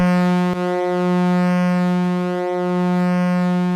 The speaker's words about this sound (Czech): Jojo, houkání parníku. Bez něho se lodní doprava neobešla.